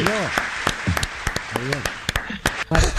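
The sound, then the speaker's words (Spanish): Scattered, uneven clapping from a small audience applauding a new joke at a comedy show, sharp individual claps ringing out over a bed of hiss, with voices whooping and laughing in between. “Aplaudamos que es un chiste nuevo.”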